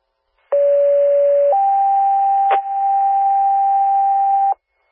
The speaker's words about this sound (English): Attention, City of Burlington Base. These are test tones.